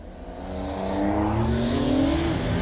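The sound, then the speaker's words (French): An old combustion-engine car with no electronic aids launches hard without launch control after a 3, 2, 1 countdown, its engine note climbing steadily in pitch as it accelerates through the revs, loud and continuous with a rough mechanical growl. “Il n'y a pas d'aide électronique, t'as une voiture ancienne. Voilà, je joue le jeu, ok?”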